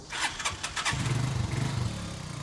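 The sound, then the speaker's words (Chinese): A motorcycle engine starts: a quick run of rhythmic cranking bursts, then the engine catches and settles into a steady, low idling rumble. No voices. The motorcycle is ridden by a father and son setting out from home into the mountains to split bee colonies. “父子两人要先骑摩托车，然后步行一段路程才能到达。”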